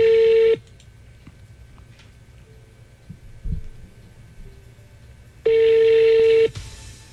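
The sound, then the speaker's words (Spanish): A telephone call is being dialed: two steady electronic tones sound loudly, one at the start and another about five seconds later, with a faint low hum and soft thumps in between. “No, márquele, márquele.”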